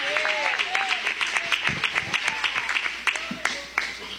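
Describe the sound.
An audience at a church service claps in a steady, dense patter to welcome their pastor, with sharp louder claps standing out and voices calling and cheering over the applause throughout.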